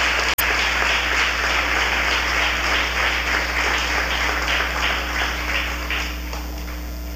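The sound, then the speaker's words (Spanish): A large group claps steadily for several seconds in a welcoming round of applause for first-time visitors, a dense, continuous patter of many hands, easing slightly toward the end, with no one speaking over it. “Le vamos a dar un gran aplauso de bienvenida a cada uno de ellos y le deseamos muchas bendiciones de parte de Dios.”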